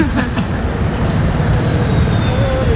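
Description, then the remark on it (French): A city bus, the number 56 towards Château de Vincennes in Paris, rumbles in traffic, its deep engine drone steady and loud for a few seconds, with faint whining tones and street noise around it as it pulls in. “Ah, voilà le bus.”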